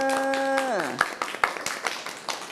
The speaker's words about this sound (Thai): ปรบมือ